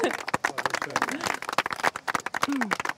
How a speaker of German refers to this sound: Applaus, echt. Applaus, ja.